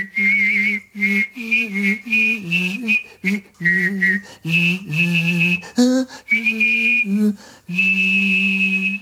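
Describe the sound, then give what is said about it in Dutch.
A person whistles a high, steady melody while singing a low-pitched tune at the same time, phrase by phrase with brief pauses, fairly loud, with no talking. “waarbij hij zowel fluit als zingt.”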